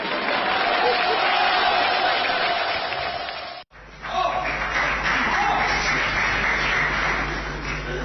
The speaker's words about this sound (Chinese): 感谢您的掌声， 谢谢、啊。